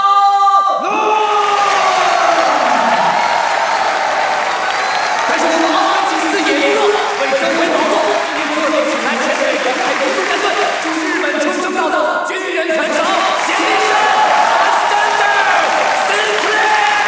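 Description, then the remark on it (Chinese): A large crowd at a charity boxing match in a hall at The Venetian Macao claps and cheers loudly and steadily for the whole stretch, welcoming a fighter representing the Hong Kong police, with whoops and shouting voices rising over the dense wash of applause. “看看今年能否再下一城，请大家以热烈的掌声欢迎他。”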